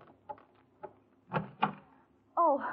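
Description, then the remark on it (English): Soft clicks followed by two heavier clunks as a front door is unlatched and pulled open, then a voice starts speaking right after. “You find yourself awake, preparing for their questions as you hurry to the front door.”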